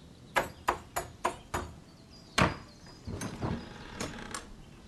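Five sharp, evenly spaced knocks on the door of a thatched cottage, made by Liu Bei after dismounting, followed by a single heavier thud and then a stretch of softer, irregular clattering. No voices.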